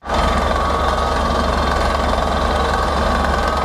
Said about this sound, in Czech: Horské ticho v posledních dnech ruší rachot vrtné plošiny. Vrtači se musí dostat hluboko pod povrch.